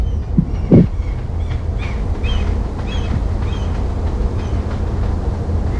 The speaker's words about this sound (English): In the background, I guess you might hear the sound of traffic, maybe the wind. It's quite windy.